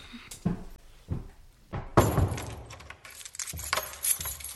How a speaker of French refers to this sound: Aucune idée, mais nous devrons fermer et verrouiller la porte avant que quelqu'un d'autre rentre dans la maison. Elles descendirent en bas pour verrouiller la porte de leur maison.